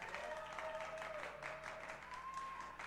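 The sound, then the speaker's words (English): An audience applauds steadily as a young female performer is introduced at a show, a dense wash of many hands clapping at once that fills the whole stretch, with a thin sustained whistle-like tone running through it. “Ladies and gentlemen, one big hand for Star of Tomorrow,”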